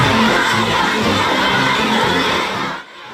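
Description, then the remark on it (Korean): A large crowd of flower children cheers and shouts enthusiastically to welcome President Trump on his state visit to China, and he stops briefly to applaud. A loud, dense, continuous roar of high voices holds steady for about three seconds before cutting off abruptly. “화동들의 열렬한 환영에 트럼프 대통령이 잠시 멈춰 박수를 칩니다.”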